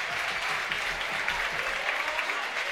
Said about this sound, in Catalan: Anem a veure com rap l'afició Florin Andone. Doble canvi. Se'n va també Raúl Caballero. Aplaudiments per Florin Andone.